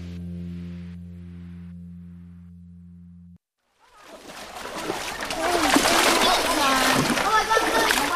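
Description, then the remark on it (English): After a steady electronic tone and a brief pause, a dozen children and adults thrust small shovels into the bottom of a shallow, muddy brown creek and sift the sand and pebbles in sieves: busy, continuous splashing and sloshing, with children's voices chattering faintly underneath. “They thrust small shovels into the creek bottom and dump the sand and pebbles into sieves.”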